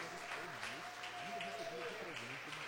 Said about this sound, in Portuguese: Irmão, senta, dê uma salva de palmas para o Senhor Jesus.